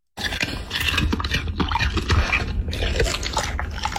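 A dog eating with wet, smacking mouth sounds: steady slurps, clicks and crunchy chews run without pause for several seconds at a fairly loud, even level, with no talking.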